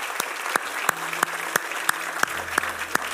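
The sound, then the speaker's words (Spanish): An audience applauds in a steady rhythm, with about ten sharp, loud claps standing out at an even beat over a dense bed of scattered clapping. No one speaks. “Ay, denle un aplauso buenísimo.”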